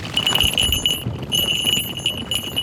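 Small bells on the legs of a Harris's hawk from Mexico, worn so the bird can be tracked, jingle in a bright, high, continuous shimmer that briefly drops out and resumes as it flies over a hotel park in Zelena Laguna, over a low rumbling background with no talking.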